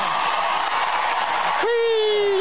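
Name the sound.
crowd cheering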